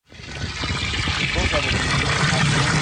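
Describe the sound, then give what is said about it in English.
Water gushes steadily into a 5-gallon bucket at the village of Ambler's water treatment plant in Alaska, a loud continuous rushing pour that starts abruptly and holds for about three seconds, its tone subtly shifting as the container fills. “He fills up 5-gallon buckets of water at the Village of Amblers water treatment plant and hauls them home for his family of nine.”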